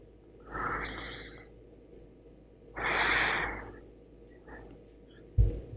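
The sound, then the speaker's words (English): A person yawns twice, each a drawn-out breathy exhale about a second long, separated by a short pause, followed by a brief soft thump near the end; the person has been told to yawn three times during a deliverance prayer. “My brother, you need to yawn 3 times for me right now.”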